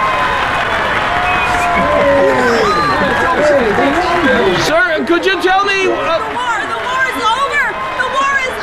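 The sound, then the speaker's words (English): A loud, bustling crowd at the train station in Portland, Oregon, fills the space with dense overlapping voices and excited chatter, continuous throughout, as people crowd onto the train, running up and down the aisles and hugging everybody; one person speaks up briefly over the hubbub. “People were crowding onto the train, running up and down the aisles, hugging everybody.”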